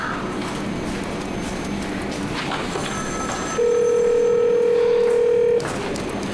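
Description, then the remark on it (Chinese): A telephone rings once, a steady electronic tone lasting about two seconds, loud, over a continuous noisy background with faint clattering. “你接电话呀倒是。”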